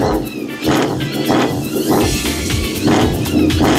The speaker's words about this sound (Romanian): Wow! Motorul ăsta sună incredibil! Pentru că avem cele 6 țevi de evacuare minunate!